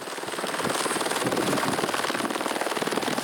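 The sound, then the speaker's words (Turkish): A helicopter with a 540-litre fuel tank, its rotor thumping in a rapid, steady chop, loud, over a dense roar of engine noise that holds constant throughout with no voices. “Helikopterin 540 litrelik bir deposu var.”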